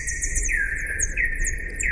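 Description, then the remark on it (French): Slowed-down bat echolocation calls, the ultrasounds bats make to orient themselves in space, inaudible to the naked ear: a steady stream of swooping, chirping sweeps in two pitch layers, a higher flickering series above a recurring lower glide, over a soft low rumble, with no voices. “Et donc Gaëlle, qui a la technique, va nous passer un son d'écholocation.”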